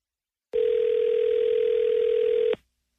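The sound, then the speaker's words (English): A single steady electronic telephone ring tone sounds for about two seconds, loud, then cuts off abruptly, with no voices around it. “Ringing.”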